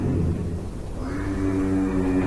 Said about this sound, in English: A low vocal sound that they call a hum. They believe giraffes use this hum to communicate. So how come no one had ever noticed this? Well, giraffes do it very infrequently, only a handful of times in the span of a few days.